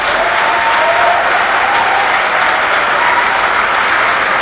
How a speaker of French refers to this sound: Rendez grâce à Dieu pour les prêtres qu'il vous donne. Applaudissons pour tous nos prêtres.